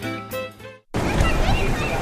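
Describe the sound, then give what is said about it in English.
A short burst of tonal, voice-like sound gives way after a brief gap to steady splashing water, like people playing in a pool in summer, with faint background chatter. “You hear that? That's the way summer should sound. Pool days, good food, and soaking up the sun.”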